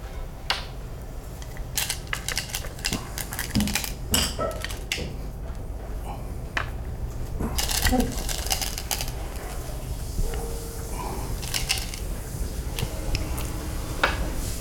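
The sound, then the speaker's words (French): Go stones click sharply onto a wooden board, a dozen or so crisp taps at irregular intervals over a steady low rumble, with faint murmuring voices now and then. “Le bruit compte beaucoup dans Go.”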